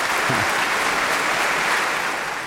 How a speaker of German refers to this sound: Ja, mit dem Beifall hatte ich jetzt nicht mehr gerechnet.